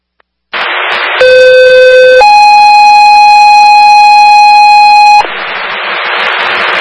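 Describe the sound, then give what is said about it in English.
A loud two-tone fire dispatch alert over radio, a medical alarm dispatch to Engine 401 for 200 Woodsy Way, Apartment 2124: a steady lower tone for about a second, then a higher sustained tone for three seconds, with hissing static before and after. “Hong Kong Fire, Medical Shift Alarm, 200 Woodsy Way, Apartment 2124”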